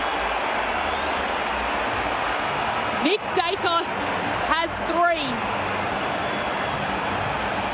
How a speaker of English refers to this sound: And the crowd erupts. The cheer squad at the city end waves their flags.